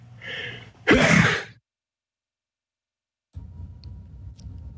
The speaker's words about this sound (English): I'm going to sneeze.